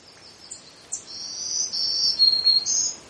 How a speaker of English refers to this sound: So, black-throated green warbler. They do have a black throat and a lot of green on the back, so they're very pretty warblers.